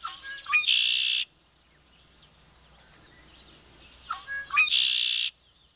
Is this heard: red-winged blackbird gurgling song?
yes